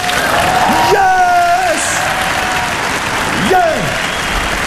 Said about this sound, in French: Un bel applaudissement